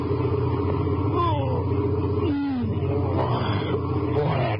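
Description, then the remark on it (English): A truck and trailer rolls steadily westward toward El Paso on a deserted highway across West Texas at 1:10 a.m., its engine a constant loud drone with deep rumble and humming tones that shift in pitch now and then. “The highway across a barren and thinly populated portion of West Texas is deserted, except for a truck and trailer pushing steadily westward toward El Paso.”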